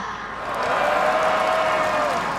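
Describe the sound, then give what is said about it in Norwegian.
A large crowd at the Bislett Games athletics meeting roars and cheers in a broad, sustained wash of noise that swells and holds steady, with a faint whistle-like tone rising through the middle. “Jeg tror dere kan bedre enn det, så la oss gjøre det på den gode, gamle Bislett-måten.”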